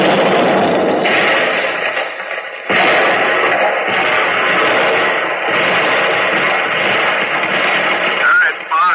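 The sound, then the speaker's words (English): Heavy naval turret guns fire shells at a German tank, range 5900, bearing 325, amid a dense, continuous muffled roar, with a sharp blast cutting in near the middle; the whole recording sounds narrow and lo-fi, like an old broadcast. “Target, German tank, range 5900, bearing 325, fire.”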